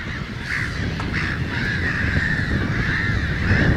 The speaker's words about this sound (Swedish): Men som sagt, skyddet mot rovfåglar är mer värt. Och därför bildar skrattmåsen sådana här kolonier med 1000, 2000, 3000 fåglar.